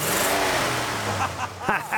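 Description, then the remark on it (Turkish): A 1950s car with a 160-horsepower engine cranks and starts on the first press, then idles with a low steady hum that rises and revs near the end, with a voice murmuring briefly over it. “Sesini duyabilir miyim? Dur da çalıştırayım.”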